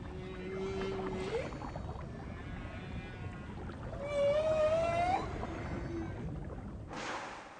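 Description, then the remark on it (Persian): Long, sliding whale calls rise and moan through a low, rumbling underwater wash, one near the start and a louder sweeping one midway, with a brief fainter note after, from whales arriving at the Abrolhos area, more than 70 km off the coast, after a 4,000 km journey from Antarctica. “بعد از تعیین نمودن 4000 کیلومتر فاصله، نهنگ‌ها بالاخره به مقصد خود رسیدند.”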